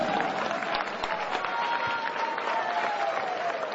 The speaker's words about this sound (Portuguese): Louvemos ao Senhor, louvemos ao Todo-Poderoso. Aplauso forte para Jesus.